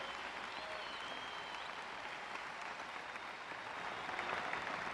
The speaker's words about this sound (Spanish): Aplauden sin temor, si usted me está oyendo, si usted me está entendiendo.